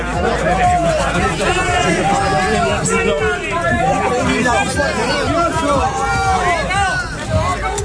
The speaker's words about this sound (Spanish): Esto es lo que pasaba fuera del teatro. Esto era abucheos